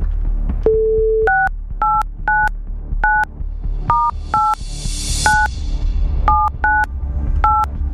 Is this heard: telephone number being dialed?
yes